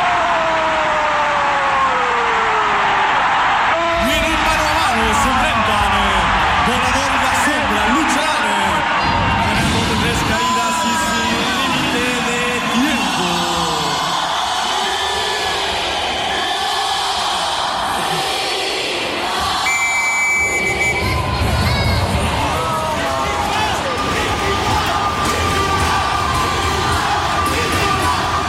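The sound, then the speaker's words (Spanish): A large stadium crowd of Puebla fans roars and cheers loudly and continuously after a goal, with shouts, whoops and chanting swelling over a dense wall of noise for the whole stretch. “¿Y cómo está la barra de Puebla esa noche? ¿Qué sabor? ¿Qué sabor? Se siente.”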